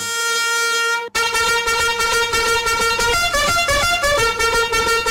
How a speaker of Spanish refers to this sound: Trompetazos, a ver. Trompetazos a Lupita y Nicolás Damián, te sintonizan en Salina Cruz, Oaxaca. Y también trompetazos para Jafet, para Eliam y para Víctor y la niña Sofía.